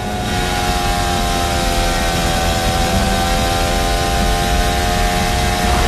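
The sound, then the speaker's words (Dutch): A Formula 1 car engine screams at a steady high pitch for several seconds as it shifts gears during a sprint qualifying session, a dense, buzzing whine with strong layered tones and constant loudness, with no voices over it. “Ja, ze schakelen weg.”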